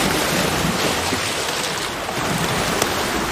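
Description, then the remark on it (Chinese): Rough surf roars steadily, a dense wash of waves pounding the shore at a harbor seal haul-out site after strong wind lasting all night, blended with gusting wind buffeting the microphone, with no voices present. “狂风持续了一整夜，汹涌的海浪不断冲击着港海豹的上岸点。”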